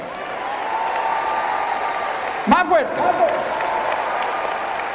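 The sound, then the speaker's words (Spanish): A large audience of women claps steadily and continuously, a dense wash of applause that holds at an even level while a man's voice briefly calls out over it midway. “La que verdaderamente cree que Jesús la quiere como es, dése un aplauso.”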